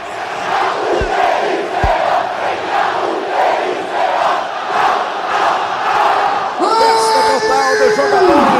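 A stadium crowd of Náutico (Timbu) football fans celebrates a win in Brazil's Série B, roaring and chanting in a steady, loud wash, with a couple of low thumps early on and shrill whistles or horns cutting through near the end.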